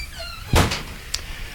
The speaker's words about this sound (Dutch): Kijk, de deur wordt voor ons geopend door Willem. Luisteraars, Willem de Ridder, die met een sigaar in de hand doet hij de deur open.